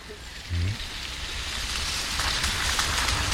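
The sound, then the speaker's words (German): Steady rain patters down in the Aumühlental in a dense, continuous hiss, with a brief low hum rising near the start before the rainfall carries on evenly. “Es regnet, wie schon an den vergangenen Tagen.”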